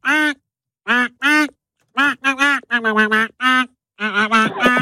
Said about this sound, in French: il fallait identifier un tube interprété par un canard